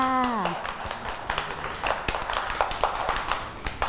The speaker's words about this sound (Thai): เด็กๆปรบมือให้ตัวเองด้วยค่ะ